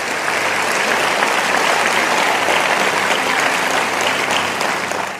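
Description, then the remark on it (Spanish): A church audience breaks into sustained applause for the Lord after a Bible reading, a dense, steady wash of many hands clapping at full loudness for about five seconds, tapering slightly at the end, with no voices. “Vamos a darle un aplauso al Señor por esta palabra.”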